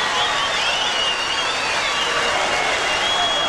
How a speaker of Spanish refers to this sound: un aplauso grande para el ….